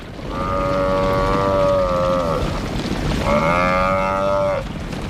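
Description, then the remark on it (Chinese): A large African buffalo, under attack by four lions amid flying dust, bellows twice in long, drawn-out, strained cries, each lasting a couple of seconds, over a constant low rumbling background with no voices. “在飞扬的尘土中，四只狮子开始围攻一头高大的非洲水牛。”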